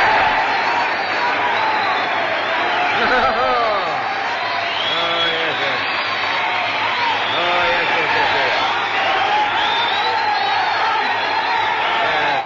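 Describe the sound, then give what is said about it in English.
A crowd claps and cheers steadily for several seconds, a dense, sustained wash of applause with scattered whoops and shouting voices mixed in, fairly loud. “Come, now my applause, please.”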